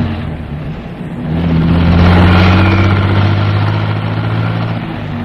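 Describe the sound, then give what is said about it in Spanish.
A taxi engine revs up and pulls away, its low steady drone swelling louder mid-clip and then holding as the taxi drives off, with no voices. “Se detiene a la orilla de la acera, viendo cómo los delincuentes se alejan en un vehículo. ¡Taxi! ¡Taxi! ¡Deprisa, chofer! ¡Siga aquel taxi!”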